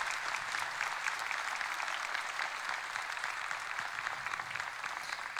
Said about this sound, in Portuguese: E essas palmas que o padre pediu, é para que vocês continuem servindo a Deus de todo o coração, não para a vaidade, mas para servir.